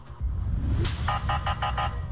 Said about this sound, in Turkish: Ama bir taraftan bir siren sesiyle bir araç geliyor. Siz saatlerce, dakikalarca beklemişsiniz, yanınızdan geçip gidiyor. Çakarlı araç.